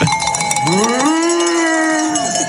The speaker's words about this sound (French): Moi, je remonte l'alpage avec, écoutez, ce troupeau de vaches.